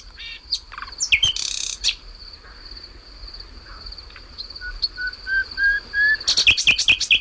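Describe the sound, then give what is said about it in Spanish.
A nightingale sings at night at Río Frío in Segovia, Spain, in varied bursts: sharp whistles, rapid trills and a rising series of pure notes, separated by pauses, over a steady background drone of insects. “Pero a mí lo que me gusta del ruiseñor no es lo que dice, sino cómo se calla y deja que se escuche la noche a través de esas pausas.”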